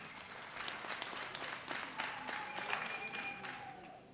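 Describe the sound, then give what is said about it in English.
Sustained applause from a crowd for the former Minister of Justice, members of Parliament and the first governor of Mahenge, a dense patter of many hands clapping steadily at moderate volume throughout, with no speech over it. “Let's give them a round of applause also.”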